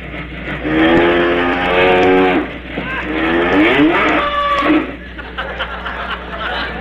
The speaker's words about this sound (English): Oh. Sounds like the milk train, don't it?